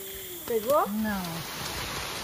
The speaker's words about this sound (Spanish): De pronto llueve a cántaros, pero el trabajo continúa